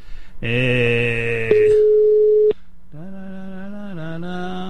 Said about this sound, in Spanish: A ver, si me coge el teléfono.